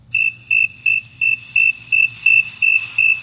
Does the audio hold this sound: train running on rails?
no